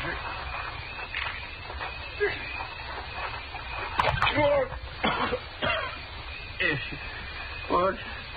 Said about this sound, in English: Scoop some water out of that rain barrel there and throw it on him, huh?